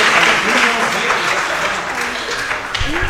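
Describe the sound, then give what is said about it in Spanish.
Steady audience applause fills the whole stretch, a dense wash of many hands clapping at an even loudness, with a few voices faintly mixed in underneath. “fuerte los aplausos.”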